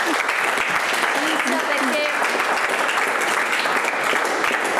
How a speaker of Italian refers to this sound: Un applauso.